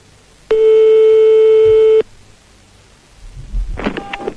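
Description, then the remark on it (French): A landline ringing tone as a call is placed to a marabout's landline: one loud, steady, mid-pitched electronic beep lasting about a second and a half, followed by a pause and some faint muffled rumbling. “Je ne résiste pas au plaisir de faire sonner pour commencer le petit fixe de notre ami marabout.”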